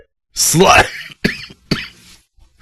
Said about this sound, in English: What a time for a cough.